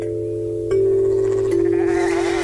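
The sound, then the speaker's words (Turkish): Sheep and goats bleat in a steady, overlapping chorus, the loud nasal calls swelling in two steps and running continuously without pause, with no talking. “Ve her kum tanesi bir koyun, bir keçi ya da bir at oldular.”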